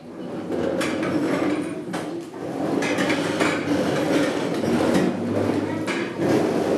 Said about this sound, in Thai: ตอนนี้ขอให้นักเรียนทั้งต้นทางปลายทางยืนขึ้นครับค่อยๆเลื่อนเก้าอี้นะครับไม่ลากจนเสียงดังนะครับ